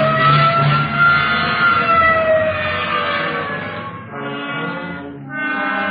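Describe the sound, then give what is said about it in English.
A police car siren wails loudly and steadily, its tone sliding gently up and down for the whole stretch with no one speaking. “Okay, hit the siren.”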